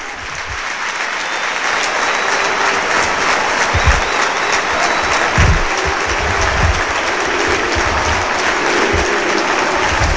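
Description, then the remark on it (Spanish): The crowd at Córdoba's El Arcángel football stadium gives a loud, sustained ovation as Córdoba's number 8, Isma Ruiz, leaves the pitch for a substitution. A steady roar of clapping and cheering with occasional deep thumps underneath continues without a break, with no one speaking over it. “Por si acaso, escuchar la ovación.”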